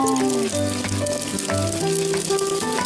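Egg whites stir-fry in a heated wok in oil at about forty percent heat, a half-cool oil state, with a steady, moderate sizzle that runs through the whole moment, while soft melodic tones play quietly underneath.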